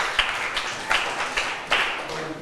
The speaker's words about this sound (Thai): เก่งมากปรบมือให้ตัวเองหน่อยค่ะ